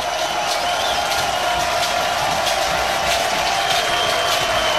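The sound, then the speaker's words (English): A large baseball crowd roars steadily, a dense wash of cheering and shouting with occasional sharp claps or whistles cutting through, holding at an even loudness with no one speaking over it. The crowd is standing during a full count in the second inning of a Jayhawks versus Oklahoma game. “Crowd stands.”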